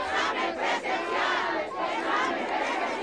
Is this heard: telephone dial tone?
no